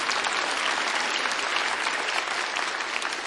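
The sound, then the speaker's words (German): Sustained audience applause for the timpani player, a dense, steady wash of many hands clapping at an even loudness throughout, with no talking over it. “Ah, dann einen Applaus nochmal für die Pauke.”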